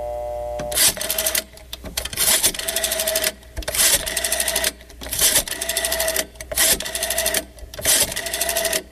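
An old rotary telephone being dialed: a series of mechanical whirring, ratcheting bursts, each followed by a short pause, repeating about six times with no voices.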